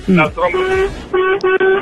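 A toy party horn toots in a few short, reedy bursts with a steady buzzy pitch, fairly loud, with a brief gap between blasts.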